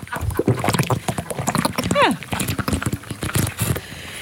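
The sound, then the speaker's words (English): Someone gulps water loudly, a steady run of wet swallows and slurps with a brief squeaky, voiced sound partway through. “Do you recognise this drinker?”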